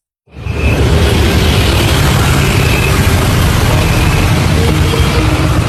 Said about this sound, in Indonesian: Suara mesin kendaraan mulai memenuhi sejumlah stasiun pengisian bahan bakar umum atau SPBU di Banda Aceh pada pertengahan bulan Juni ini.